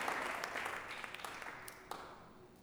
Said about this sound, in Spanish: Démosle ese aplauso fuerte al Señor nuestro Dios. Aleluya. Gloria a Dios.